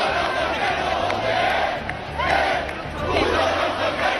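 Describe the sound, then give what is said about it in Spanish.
A protest crowd at the Puerta del Sol, people carrying Spanish flags who taunt the protesters camped there, shouts chants in loud, dense unison, the massed voices swelling and falling in rhythmic waves over a constant roar of the crowd. “Esos son algunos de los gritos que hemos escuchado, también estos otros.”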